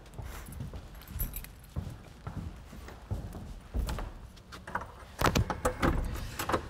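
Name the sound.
keys jangling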